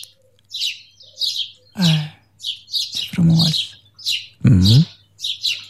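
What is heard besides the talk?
birds chirping and singing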